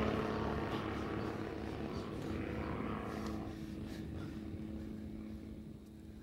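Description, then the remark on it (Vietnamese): A steady, rumbling drone of military aircraft engines circling back and forth overhead, loud and continuous with a throbbing low hum, easing off slightly toward the end. No one speaks. “Bộ máy bay hay quần ở khu này lắm hả anh ba?”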